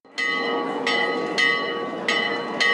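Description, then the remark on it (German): The large tower bell of a castle is rung at about 6 p.m. in steady swings, about five strokes in under three seconds, each clang sustaining into a continuous metallic hum. Loud, with no voices. “Gegen 18 Uhr läutete Christian Brettschneider die Turmglocke des Schlosses.”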